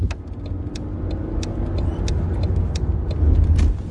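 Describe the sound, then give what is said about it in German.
A steady low engine rumble of a bus driving along, heard from inside, with light rattles and ticking clicks over the drone. Nobody speaks. “im EKC-Bus.”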